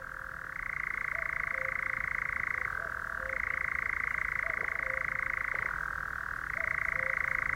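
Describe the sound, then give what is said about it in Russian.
A nightjar churrs in one unbroken, dry mechanical trill that dips briefly in pitch twice, while a distant cuckoo's soft, low two-note calls repeat faintly underneath. No one speaks. “И даже монотонное трещание козадоя на фоне далекой кукушки воспринимается поэтически.”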